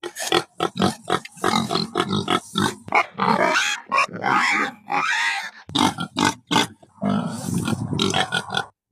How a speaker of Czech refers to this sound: Tak co, uhádli jste? Určitě to znáte. Je to prasátko.